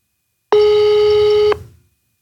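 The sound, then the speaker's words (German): A telephone ringing tone plays over a speakerphone: one steady, buzzy mid-pitched beep lasting about a second, loud and alone over a low background hum, then trailing off quickly. “Es läutet, ich hoffe, er hebt ab.”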